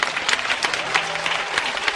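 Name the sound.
audience applauding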